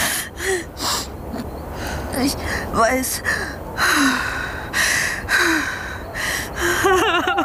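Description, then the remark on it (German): Rapid, ragged gasping breaths repeat throughout, some catching into strained, whimpering voiced sounds, with a few brief spoken words between them. “Hey, ruhig atmen, ….”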